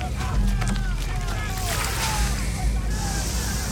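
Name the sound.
water spraying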